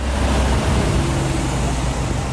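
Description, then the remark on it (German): A steady stream of trucks and cars rolls through the town of Fürstenberg, mostly at 30 km/h, producing a continuous, fairly loud low rumble with a broad hiss of tyres and engines and no pauses or voices. “Lkw- und Autokolonnen schieben sich durch Fürstenberg, meist mit Tempo 30, doch Lärm macht es trotzdem.”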